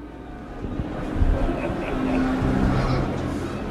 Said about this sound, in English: The Piazza Maggiore, Bologna, early on a Sunday afternoon. Listen carefully. Beyond the sound of the motorbikes, the boisterous conversation, the merry squeals of children chasing the pigeons.